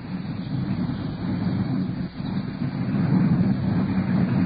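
Culver City, California police car 5-4 driving on patrol, its engine and road noise forming a steady, continuous low rumble with a brief dip midway, and no voices.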